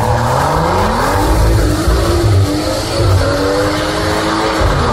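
A car exhaust roars loudly and steadily for the full five seconds, its deep engine tone rising and falling as the revs shift, with a rough, rumbling edge and no voices.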